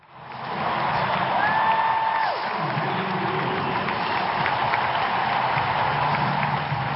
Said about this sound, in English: The sound of cheers there, recorded on my phone back in September 2022, as Serena Williams, one of the tennis greats, lost at the US Open in New York, playing what we thought back then was the last match of her career.